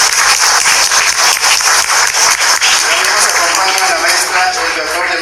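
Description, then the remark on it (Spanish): Sustained audience applause as a preschool-level technical pedagogical advisor is introduced, dense and steady with many hands clapping at once, fairly loud, filling the whole stretch without pause. “Cuatro los aplausos.”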